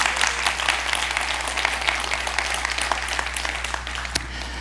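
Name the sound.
audience applause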